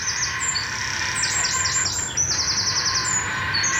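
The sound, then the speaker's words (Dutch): Heron chicks call at the nest as an adult feeds them, wildly flapping their wings: a frantic run of high, rapid chirping notes in quick repeated bursts over a steady hiss, with no voices. “Die kuikens die worden helemaal wild. Ze staan met hun vleugels te flapperen en te klapperen.”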